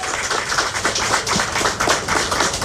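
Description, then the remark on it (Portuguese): An audience in Aruba applauds Ronella Cruz, CEO of the Aruba Tourist Authority, a dense, steady wash of many hands clapping at once that stays loud and even for the whole stretch, with no voices on top. “Um aplauso para a senhora Ronella Cruz.”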